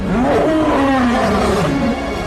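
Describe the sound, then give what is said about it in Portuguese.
A single deep, rumbling lion roar, loud and sustained for about two seconds with a rising and falling growl before fading slightly at the end. “Aquele Jesus Cordeiro, quando vier, agora virá como um leão.”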